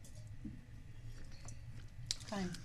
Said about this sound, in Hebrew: אני טועם. כן, לגימה קטנה.